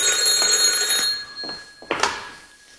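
A telephone bell rings in a loud, rapid trill for about a second, then stops, followed by a few soft knocks and a sharper clack. No one speaks.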